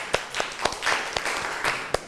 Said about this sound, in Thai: กลุ่มที่3นะคะขอเสียงปรบมือดังๆให้เพื่อนของเราหน่อยค่ะ